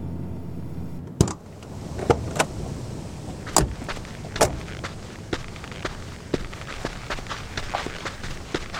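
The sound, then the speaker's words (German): A car engine rumbles briefly and cuts off as the car stops short of a house, a door clicks, then a string of soft, uneven footsteps of people sneaking toward the house, quiet and cautious, with no talking. “Wir halten hier und schleichen uns dann zum Haus deiner Eltern.”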